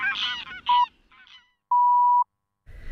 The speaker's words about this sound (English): Kuihi. The Grey Leg Goose.